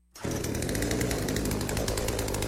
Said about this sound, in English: Harry! A chainsaw? Really, Harry? I mean, what is this? Some kind of Halloween horror movie? You bring a chainsaw? For plumbing?